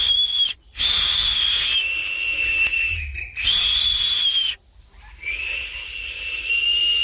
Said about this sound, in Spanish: Los tucanes silbaban desde las ramas.